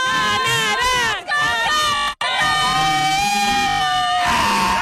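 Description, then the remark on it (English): A loud crowd of Canada soccer fans at FanFest cheers and screams continuously after Canada scores to tie the game, with high, wavering voices rising over a dense roar that barely dips over several seconds. “And it is just loud here. The crowd is back in it.”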